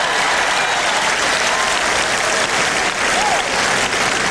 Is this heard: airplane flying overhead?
no